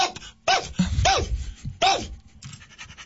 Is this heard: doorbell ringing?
no